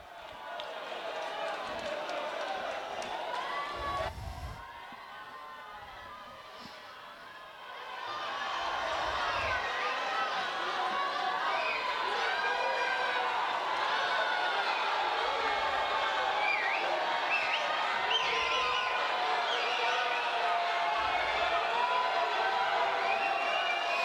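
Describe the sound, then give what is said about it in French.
A dense crowd in Rimini, waving flags and scarves around the passing pope in hot, fine weather above 30 degrees, roars and chatters continuously, with many overlapping voices and scattered cheers, briefly dipping quieter before swelling back to a steady, loud din. “Au milieu de la foule.”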